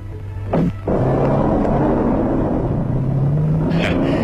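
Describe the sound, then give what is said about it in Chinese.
Two people drive away in their own separate cars with a loud, steady engine rumble that fills the scene, a brief burst of noise near the start and a faint hiss of tyres toward the end, no voices. “幸好都有自己的汽车，两个人就不必勉强凑合在一起了。”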